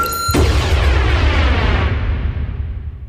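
A few thin high tones give way to a loud, booming explosion that opens a song, its deep rumble and crackling wash slowly fading over the next few seconds. No one speaks.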